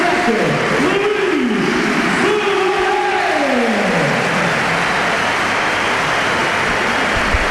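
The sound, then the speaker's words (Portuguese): A stadium crowd at Alvalade applauds a goal in a loud, unbroken wash of clapping and roar, with a few sliding, wavering tones riding over it during the first half before it settles into a steady din. “Só aplausos. Só aplausos de Alvalade.”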